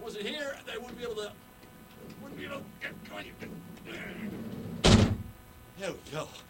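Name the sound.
heavy door closing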